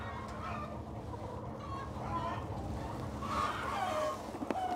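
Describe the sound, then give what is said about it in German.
A dense chorus of hens clucking and murmuring continuously indoors in a laying barn with automatic feeders and drinkers and belts that carry eggs from the nests, many birds overlapping at moderate loudness, with a few sharper calls rising near the end. “Das Problem ist auch, wenn die Eier zu lange liegen, kommt der natürliche Trieb vom Huhn wieder zum Vorschein.”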